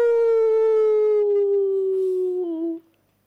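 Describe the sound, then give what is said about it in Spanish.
A ferocious caiman (yacaré) scream as it swims, after a flea bites its belly: one loud, drawn-out howling cry with a rich, steady tone that slides slowly lower for nearly three seconds before breaking off abruptly. “Solo se escuchaba el canto de las ranas y el rumor del agua al ir nadando, cuando un grito feroz interrumpió la calma.”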